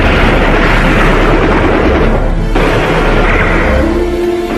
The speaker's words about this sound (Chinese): 埋伏在树林里的日军搜索队冲了出来，双方展开了对射。